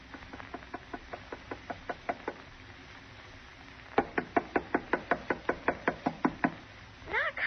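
Knuckles rap on the wooden door of a house in two bursts: a quick run of light, even knocks, a pause, then a louder, firmer series of rapid knocks, with no one speaking.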